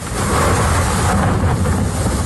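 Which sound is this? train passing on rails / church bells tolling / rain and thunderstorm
rain and thunderstorm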